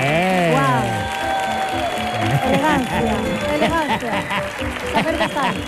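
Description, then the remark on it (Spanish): A studio audience claps and cheers steadily for several seconds, a dense patter of hands mixed with whoops and raised voices, loud throughout. “Pues nada, fuerte el aplauso para”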